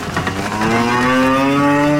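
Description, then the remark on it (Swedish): A cow lets out a long, loud moo that swells and rises in pitch as the cows are let out of the barn after a long winter indoors, on a farm in Bardu in Troms, with faint rustling and farmyard background and no one talking. “efter en lång vinter in i fjösen kan kyrn till bardubonden Ole Petter Melhus känna frisk rest under fötten igen”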